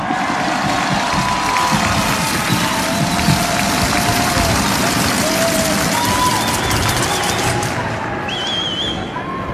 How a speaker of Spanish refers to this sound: Y el pueblo de Dios dice amén a eso. Un fuerte aplauso a Dios.